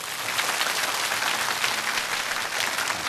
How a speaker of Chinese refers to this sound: 好，他们赶紧把掌声送给他啊！